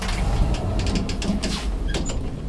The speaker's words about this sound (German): Aber woher kommt die Kälte? Wir fahren mit dem Lift aufs Dach.